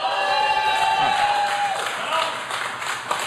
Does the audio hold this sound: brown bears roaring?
no